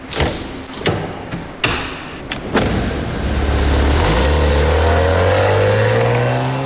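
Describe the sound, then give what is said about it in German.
Several sharp thuds and clunks as a driver takes a passenger's crutch from a car trunk and helps him out of the car, then an engine starts and runs steadily, its drone rising in pitch as it pulls away. “Er holt seine Krücke aus dem Kofferraum und hilft ihm aus dem Auto.”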